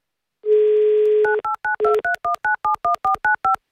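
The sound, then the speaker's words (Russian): A steady low dial tone hums for about a second, then gives way to a quick, evenly spaced run of about a dozen short two-note touch-tone beeps as a phone number is keyed in to call a listener live on the Avtoradio radio station. “Давай позвоним.”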